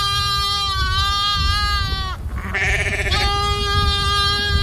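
A billy goat bleats loudly, a long quavering cry that breaks briefly and then carries on in a second wavering call, over a low rumbling background.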